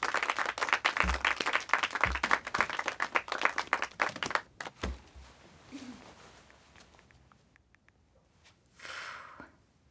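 An audience applauds with dense, steady clapping for about four seconds, then it thins into scattered claps and murmurs before a brief swell of clapping near the end.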